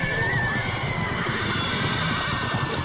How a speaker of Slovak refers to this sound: Nastal ohromný dúpot a erdžanie.